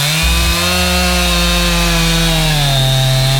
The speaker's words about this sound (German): Ja, bevor sie die Kettensäge angeschmissen hat, da wurde erstmal der Weg abgesperrt.